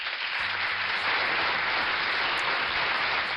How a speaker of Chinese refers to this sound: 这个掌声是送给小蚯蚓的。